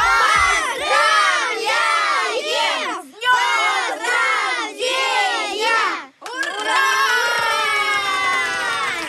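A group of children on children's radio shout "congratulations" together in chorus for a birthday, loud, in three rhythmic bursts followed by a longer sustained cheer.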